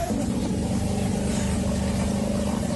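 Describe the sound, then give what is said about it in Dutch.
A motorboat engine drones steadily as the boat moves through flooded streets in Suriname, a loud, continuous low rumble with a rough throbbing pulse that holds for the whole stretch, with no voices. “Met een motorboot door de straten, dat is wat ik nu in beeld zie.”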